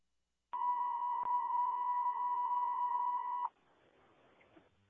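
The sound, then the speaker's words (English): A DMS dispatch alert tone, sounded to call in the day crew: one loud, steady, high-pitched beep held for about three seconds, then cutting off abruptly into faint radio static and hiss. No one speaks. “Can you also try our tones?”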